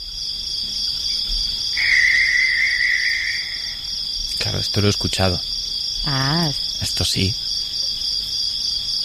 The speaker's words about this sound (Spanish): Aparte de los grillos, ¿eh? Sí, esos me cuentan. Estaban ahí. ¿Qué crees que es? Voy a intentarlo. Dios, es que yo he tenido en mi jardín lechuzas, entonces sospecho que son lechuzas. Correcto, yo las escucho todas las noches, todas las noches.